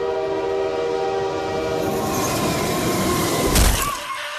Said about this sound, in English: When all of a sudden he looked up and got Bonnie Blued. That's right, a train wreck.